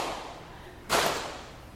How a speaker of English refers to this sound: You got that? You can clap your hands if you want, but I only have one hand, so I'm going to slap my knee.